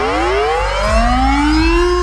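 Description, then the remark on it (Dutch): A civil defense air raid siren wails loudly on its own, its tone steadily rising in pitch with a second lower tone sweeping up beneath it, no voices present. “Om het luchtalarm.”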